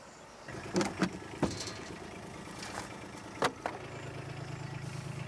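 A car engine idles steadily with a low, continuous rumble as the car is brought over, while several sharp knocks and clunks break in over the first few seconds. No one speaks.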